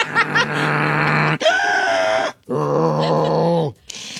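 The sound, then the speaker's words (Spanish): A voice imitates loud snoring like a truck shifting gears: three sustained, rumbling vocal bursts with brief gaps, each holding a droning pitch before stepping to the next, strong. “Así cambia de va de trailer. Cambia de velocidad”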